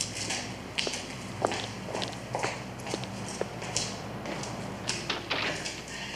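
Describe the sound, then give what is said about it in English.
Quiet footsteps tap unevenly across a hard floor, followed by soft knocks and scrapes as a door is pushed closed, with no one speaking. “do you mind if I close the door?”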